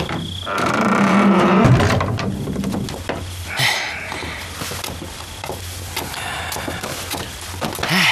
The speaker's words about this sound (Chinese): 关门